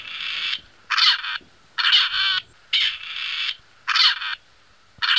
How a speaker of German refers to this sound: Ja, da feiert er sich ein bisschen selbst, das Rebhuhn.